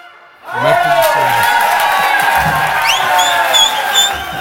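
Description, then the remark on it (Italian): After a brief quiet start, a crowd erupts into loud, sustained cheering and applause, with overlapping shouting voices and a few rising whistles, continuing steadily to the end. “Non so se l'applauso era per voi o per noi che siamo riusciti a trovarlo in questo preciso istante del momento dove avete suonato, quando avete suonato.”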